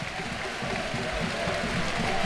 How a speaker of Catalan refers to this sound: el llançament també entra, per lo tant és 27-13, resta 1 minut 43 segons per a que acabe el primer quart i esta és la ovació del Roig Arena al seu equip.